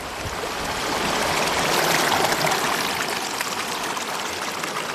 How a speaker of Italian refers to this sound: Quest'acqua che scorre è l'Arno Bambino, ancora ignaro, di Pontevecchio del Mare. Sono a Molin di Bucchio, il primo mulino d'Arno, nel Casentino.